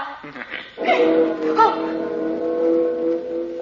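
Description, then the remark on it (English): A bell in a large temple is struck once and rings on with steady, layered mid-pitched tones that hold for several seconds, while a voice briefly sounds over the ringing. “Gee, that's the second time we've heard that bell.”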